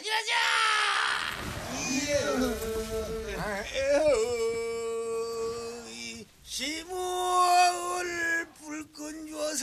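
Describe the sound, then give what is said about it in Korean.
A group of fishermen chanting as they haul boats ashore, a song sung when a typhoon comes or strong winds blow, with long drawn-out sung notes that swoop and waver in pitch and pause briefly before the voices rise together again. “태풍이 오거나 심한 바람이 불 때 배를 무트로 울리며 부르는 소리입니다.”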